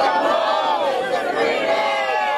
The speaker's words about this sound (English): That was everybody there screaming out loud, and as he got handed the keys to his brand new home, a man who served our country, protected our freedom, is now got a brand new home in the city of Fort Myers.